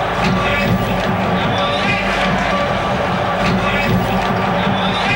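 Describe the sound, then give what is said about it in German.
A dense, steady roar from a large football stadium crowd at a Bayern match in Nuremberg, loud and continuous, with many voices cheering and shouting together, the noise swelling slightly at moments without ever dropping away. “Achtung, jetzt knallt es gleich. Jubelgrund, Heiterkeit.”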